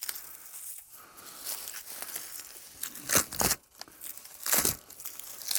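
Papery bark being peeled away by hand, a run of dry crackling tears and crinkles with a few louder ripping bursts, no voices.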